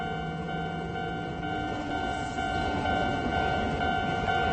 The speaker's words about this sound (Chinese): 突然，一列火车来了。一位猕猴妈妈匆忙穿过铁轨，火车就在20米远处，距离只有10米了。